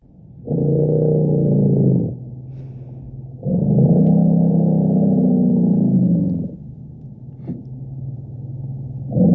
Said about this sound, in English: This is in fact an elephant rumble. It's so deep and low that parts of it are beyond even our human hearing and yet powerful enough to travel up to 10 kilometres across the African savannah.